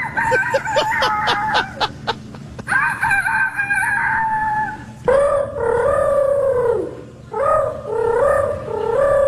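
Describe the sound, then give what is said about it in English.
Human voices imitate a rooster in a string of loud crows: a burst of quick clucking notes first, then several long, wavering, high-pitched cock-a-doodle-doos, one after another. These are the third-place, second-place and grand champion entries of the youth rooster crowing contest at the Iowa State Fair. “That is the third place, second place, and grand champion youth rooster crowing contest that happened at the Iowa State Fair this week.”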